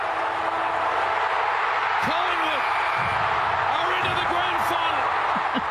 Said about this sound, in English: I don't know how many times we've played that on the radio. I probably should cut the sing down, but I think it's just too beautiful. It's beautiful. That cheer of a crowd of people at the MCG is emotion.